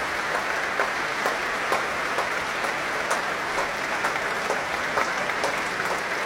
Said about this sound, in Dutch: Een groot applaus nu ook voor al die verschillende muzici van het orkest.